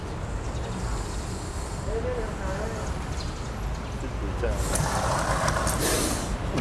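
A cobra hisses: a breathy, steady hiss rises out of a constant noisy background in the last couple of seconds, broad and airy, with low rumbling underneath throughout.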